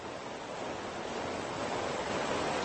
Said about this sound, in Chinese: 鱼儿们逆流而上，试图越过这道小瀑布，他们知道去哪儿才能找到食物。